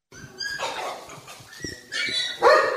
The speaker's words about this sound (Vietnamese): Ôi kìa, chó.